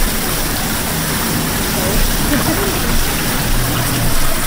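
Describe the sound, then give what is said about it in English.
A Hollander beater churns paper pulp from cellulose and water with a steady, loud, watery rushing roar that holds constant throughout, with faint voices murmuring underneath, in a paper production hall in Poland using very old technology from medieval Italy. “Yeah, this is a Hollander beater. This is our device to make paper pulp.”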